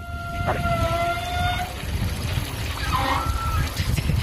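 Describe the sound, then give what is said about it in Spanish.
Wide shower pipes in a gym vibrating as hot water starts to flow: a steady, reedy hum rings over loud rushing water for over a second, then fades, and a shorter wavering whine returns near the end. “Entonces, cuando empieza a pasar el agua caliente, supongo que vibrará ahora algo del estilo y hace un sonido parecido.”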